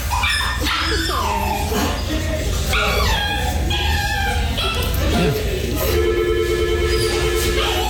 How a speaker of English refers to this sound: Was the dog trying to get off, like, get down? No, it was just whining and whining.